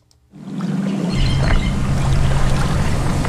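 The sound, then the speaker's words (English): Continuous sloshing and swishing of water as people wade through waist-deep swamp water at the 6-mile Cypress Slough Preserve near Fort Myers, Florida, looking for frogs; a steady churning wash with no voices. “are wading through waist-deep water, all in an effort to get up close and personal with frogs.”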